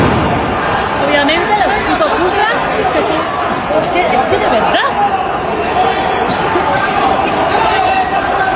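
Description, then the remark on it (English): Police fire tear gas and pepper spray projectiles into a crowd: a few dull, scattered thumps over the loud, continuous roar of a large crowd, with voices shouting and murmuring throughout. “But they are the shots of police firing tear gas and other pepper spray projectiles and stuff into the crowd.”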